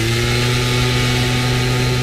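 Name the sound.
gas-powered leaf blower running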